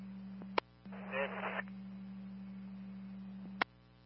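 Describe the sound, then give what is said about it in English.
Radio transmission with a steady low hum, sharp squelch clicks at start and end, and a short burst of harsh static crackling through the middle. No clear speech. “The rest was heavy static.”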